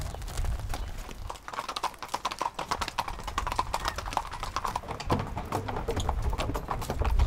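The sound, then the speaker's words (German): Dense, overlapping clip-clop of four horses' hooves striking the hard surface of a promenade as they are led to an arena on the beach, a steady uneven patter of sharp knocks throughout, with a low rumble of background noise beneath. “Über die Promenade muss Lotta mit den vier Pferden jetzt zur Arena am Strand.”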